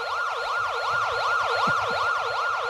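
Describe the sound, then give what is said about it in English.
A loud ambulance siren wails continuously, sweeping rapidly up and down in pitch over and over, sounding close, with a faint low rumble of traffic underneath. “This part of the program brought to you by the Underney Management Cafe, where you'll come for the food and stay for the ambulance.”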